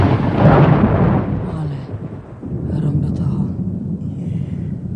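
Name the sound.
thunder rumbling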